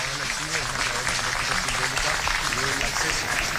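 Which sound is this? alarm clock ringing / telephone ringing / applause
applause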